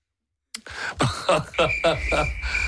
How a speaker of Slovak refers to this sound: Truhlík má cikády. S pauzami.